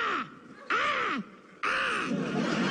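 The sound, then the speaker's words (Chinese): Three loud, drawn-out crow-like caws voiced by a live audience at a crosstalk comedy show to signal that a joke is cold, each a harsh nasal call with a falling-rising contour, separated by short pauses, clear with no other talk. “就是代表很冷， 跟乌鸦一样，好不好？”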